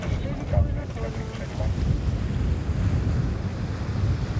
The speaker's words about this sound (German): Der Wind hat zugenommen, Welle ist irgendwie auch da und gleich werden die Segel gesetzt.